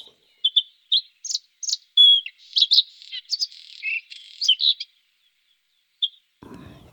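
A songbird sings a lively run of varied, high chirps and short trills, clear, then pauses before one last chirp and a brief low rustle at the end.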